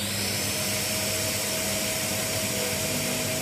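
A steady, loud whirring hum of a specially invented suction device said to suck out emotions, called Adishi Dor 7, runs continuously throughout, with a constant motor drone and airy hiss and no speech.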